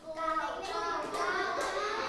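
A group of children clap their hands together in a steady burst of overlapping claps lasting a couple of seconds, fairly loud and continuous, with faint young voices mixed in.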